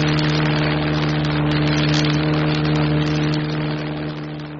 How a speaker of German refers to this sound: Und brummende Flugzeuge, die über den Wolken schweben.